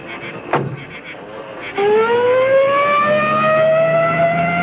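A loud ambulance siren winds up from a low growl into a rising, sustained wail, preceded by a brief thump like a closing door.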